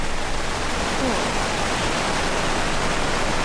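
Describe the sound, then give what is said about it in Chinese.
Heavy rain pours down beside the South Moat in Dongcheng District, Beijing, in a dense, unbroken hiss, holding a steady loudness from start to finish with no voices or other sounds breaking through. “随着连线的过程当中，我就看到雨量是逐渐在加大啊”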